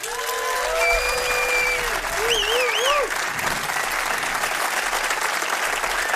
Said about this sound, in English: We're gonna play one more song for you, but before we do that, I'd like for you to give another round of applause for my fellow musicians.